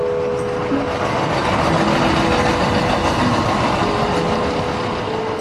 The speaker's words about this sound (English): it doesn't matter if the train is in a tunnel or rolling above the streets, it's still loud as hell